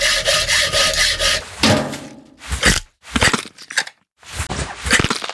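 A saw rasps through bone in harsh back-and-forth strokes as a ribcage is opened during an autopsy, a steady grinding run followed by several shorter, choppier cuts separated by brief silent pauses. No one speaks.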